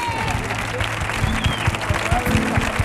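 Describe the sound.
An audience claps steadily and densely for about three seconds at the end of a performance, a loud continuous patter with crowd voices mixed underneath and a low steady hum running beneath it.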